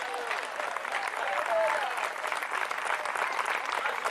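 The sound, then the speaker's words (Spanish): A church audience applauding Christ during a sermon, a dense, continuous wash of many hands clapping at once, fairly loud and sustained throughout with no pause, with faint voices mixed into the crowd noise. “El fuerte aplauso al Cristo de la gloria.”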